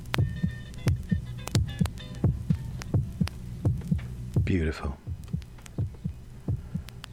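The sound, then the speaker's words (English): A man's fast, steady heartbeat, recorded with a microphone on his chest, thumps heavy, about two beats a second, with a low hum underneath, a brief sliding whistle-like tone midway, and a single short spoken word. “So he just puts the microphone on his chest and records his heartbeat.”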